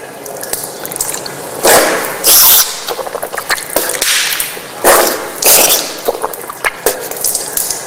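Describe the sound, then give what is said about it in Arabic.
Tap water runs slightly open and splashes in bursts as water is scooped from one palm into the mouth and nose during Islamic ablution (wudu), with wet gurgling and a sharp nasal snort-like spray repeating twice, fairly loud, no talking. “كما هو الملاحظ تمضمض واستنشق من كف واحدة، وأعيدها مرة ثانية.”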